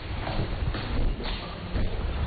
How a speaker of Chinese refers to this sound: 比人先到的是一串脚步声。